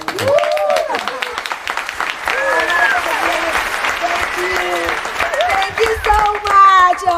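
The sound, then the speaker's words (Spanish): A theater audience applauds the first tourists of the season, a dense wash of clapping that stays loud for several seconds, with voices calling out and chattering over it. “Un aplauso para los primeros turistas de la temporada, por favor.”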